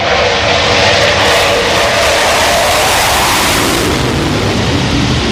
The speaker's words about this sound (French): Voilà, les rafales sont à l'aplomb du porte-avions. Donc là, ils sont en train de revenir de leur mission Mars Strike. Ils orbitent autour du porte-avions et donc ils se configurent petit à petit pour se préparer à l'appontage.